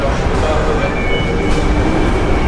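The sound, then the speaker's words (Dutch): Steady, loud underground rumble of a metro station in Brussels, with a train running through and dense low-frequency roar filling the space; faint voices blur into the background. “En terwijl dat je afdaalt, kom je terecht in de warme lucht van de metro.”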